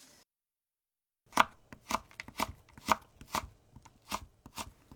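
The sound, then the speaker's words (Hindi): A knife chops steadily through carrots on a cutting board, cutting them into strips 3 centimeters long and 2 millimeters wide. A quick run of crisp knocks comes in a fairly regular rhythm after a moment of silence, with no one speaking. “गाजर को 3 सेंटीमीटर लंबी और 2 मिलीमीटर चौड़ी पट्टियों में काट लीजिए।”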